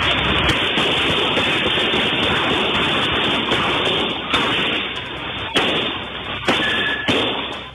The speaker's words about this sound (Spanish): Una intensa balacera en plena vía pública en un sector con alta afluencia de personas y locales comerciales.